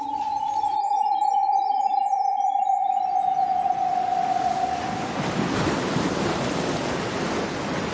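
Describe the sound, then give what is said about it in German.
Ocean surf at a beach promenade, in front of a casino, rushes in as a broad, steady wash that swells louder toward the end. A sustained tone and faint high chirps fade away during the opening seconds. No voices. “Ein ganz anderes Kunsterlebnis führt mich zurück ans Meer.”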